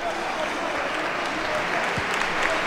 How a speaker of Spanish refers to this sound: Aplaude la afición al futbolista del Levante.